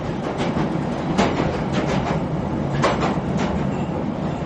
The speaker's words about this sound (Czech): Generál MacArthur vyhlédl z okna vagónu. Vlak vyjížděl právě do Exeteru, kde bylo nutno přestoupit. To je otrava, tyhle pomalé vláčky na vedlejších tratích.